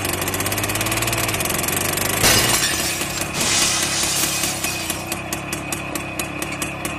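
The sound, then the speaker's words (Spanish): A heavy tractor engine idles steadily, then the driverless tractor smashes through a shoe shop's glass window in a loud crash of breaking glass, followed by the engine continuing to rumble amid scattered crackling and tinkling debris. “Vea cómo la máquina se aferra a irrumpir en la tienda y rompe el vidrio como si fuera una galleta de sal.”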